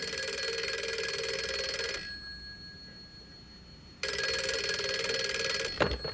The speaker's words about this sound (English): One night our phone rang.